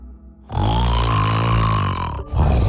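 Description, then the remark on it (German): A loud, rattling snore from a sleeping partner, the soft palate fluttering in the breath, drawn out for well over a second, then a brief pause before another snore begins, with no talking. “Wir schnarchen seit Jahrtausenden und zwar nur, um euch nachts vor wilden Tieren zu beschützen.”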